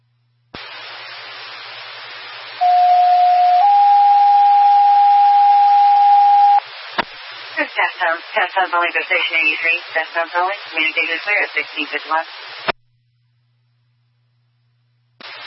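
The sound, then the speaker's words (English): Two steady dispatch alert test tones play back to back over a hissy radio channel, a lower pitch followed by a slightly higher one, and then a garbled voice comes through the static. “Test sounds only for Station 83. Test sounds only.”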